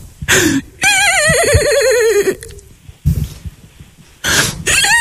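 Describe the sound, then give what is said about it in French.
A person imitates a horse whinny, a loud, shaky, wavering cry that slides downward over about a second and a half, surrounded by several shorter, breathy vocal bursts. “Laisse-moi faire le cheval”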